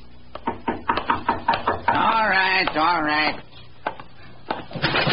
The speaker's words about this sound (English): A tall, slim man, about 40, had been sitting in the front parlor of his rooming house. He'd heard a knock at the door, and he was on his way to answer it.